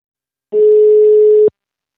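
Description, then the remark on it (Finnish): A single steady telephone dial tone sounds for about a second as a phone call is placed to a campaign director, a clean continuous hum that starts and stops abruptly, with no talking over it. “mutta seuraavaksi otamme puhelin yhteyden häneen.”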